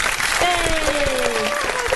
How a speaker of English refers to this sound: Wait, woo. I've got applause. Hang on.